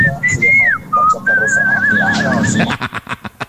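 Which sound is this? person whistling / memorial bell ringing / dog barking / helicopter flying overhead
person whistling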